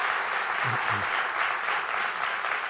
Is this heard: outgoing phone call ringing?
no